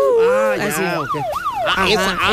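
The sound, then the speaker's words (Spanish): A loud emergency vehicle siren wails, its pitch sweeping up and down in quick, repeated glides over a couple of seconds. “No, es una sirena. Es una sirena.”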